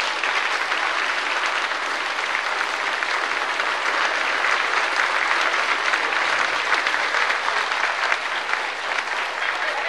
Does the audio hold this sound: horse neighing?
no